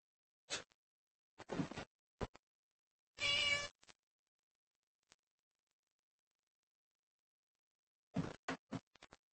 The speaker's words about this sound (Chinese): 豆包它就是只猫